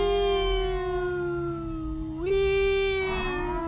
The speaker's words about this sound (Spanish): Se activan las alertas de emergencia. 9:30 de la noche. Se escuchan las patrullas, las ambulancias, los carros de bomberos.